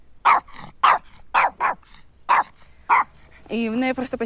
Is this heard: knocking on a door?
no